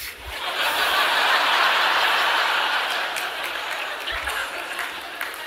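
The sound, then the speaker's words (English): Scattered applause from a small audience, a steady patter of clapping hands with some light laughter mixed in, fading slightly toward the end. “Now, I got a few claps on that, which I'm not asking for, but that's what excites men.”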